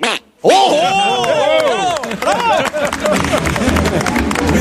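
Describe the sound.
After a brief silence, an audience member at a live radio show imitates a duck, Donald Duck style, with a quick burst of nasal, warbling quacks rising and falling in pitch, then fades into a noisy background of crowd chatter.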